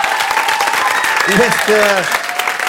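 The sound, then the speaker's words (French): Steady, dense applause from an audience for a guest performer fills the whole stretch, loud and even, with a brief voiced sound rising out of the clapping partway through. “Merci, on peut encore t'applaudir bien fort.”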